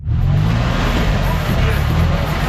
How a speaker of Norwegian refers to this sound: Det fremleis lyden av motor og lukta av eksos som dominerer I sentrum av Nairobi.